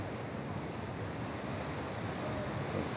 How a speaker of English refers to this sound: Mother Nature added her own degree of difficulty today with the waves and swells.